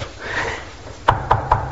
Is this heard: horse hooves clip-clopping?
no